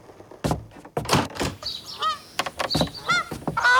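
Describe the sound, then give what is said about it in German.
A greylag gander, Herr Günther, sitting under a shed roof as the rain eases, honks repeatedly in loud, harsh bursts, some with rising and falling nasal calls, in an irregular rhythm with no voices. “Unter dem Schuppendach hockt der gelehrte Graugänserich Herr Günther.”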